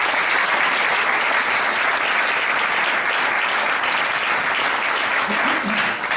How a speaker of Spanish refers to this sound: Un aplauso también.